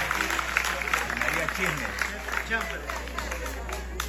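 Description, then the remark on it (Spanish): An audience claps for the Lord together in a dense, steady burst of applause lasting several seconds, with a murmur of voices mixed into the clapping. “Un aplausito por allá y dos por ahí, entonces dele uno fuerte al Señor.”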